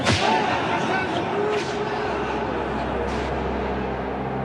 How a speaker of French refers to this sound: La peine habituelle est de 50 coups de fouet.